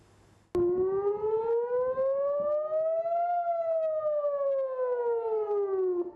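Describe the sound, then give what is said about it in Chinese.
An air raid siren sounding in communities of northern Israel starts abruptly and wails steadily, its pitch rising slowly to a peak and then falling again, loud and sustained with no voices. “以色列北部部分社区12日至13日早拉响防空警报，以空军称多次拦截从黎巴嫩越境进入以色列的敌对飞行物。”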